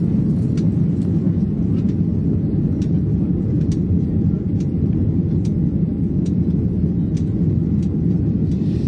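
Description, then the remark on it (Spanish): A steady, loud low-pitched rumble of an Iberia airplane's engines on the way to Montevideo drones on without a break, like the hum inside a cabin in flight, with faint ticks now and then. No one speaks. “Pero antes vais a dejar que me suba de nuevo un avión de Iberia.”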